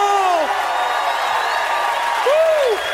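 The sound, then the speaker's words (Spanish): A crowd roars with steady applause-like cheering, while a couple of loud, arching whoops of joy rise and fall, one at the start and another near the end. “a tu grito de júbilo.”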